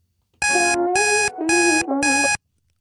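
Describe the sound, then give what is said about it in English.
A loud electronic alarm rings in four quick, evenly spaced bursts of bright, buzzy tone with a shifting melodic pitch, then cuts off abruptly. “What's the alarm?”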